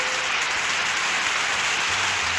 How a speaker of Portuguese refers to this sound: Vamos lá. Palmas para ele. Mais palmas.